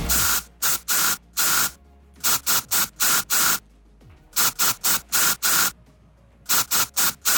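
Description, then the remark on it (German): A deodorant spray can hisses in short, loud bursts grouped into a rhythmic pattern, like a tune tapped out in sprays, with brief pauses between phrases and no voices. “da muss die ganze Ö3-Gemeinde heute ein bisschen zaubern und zusammenhelfen bei unserem Deo-Spray-Sprühdosen-Song”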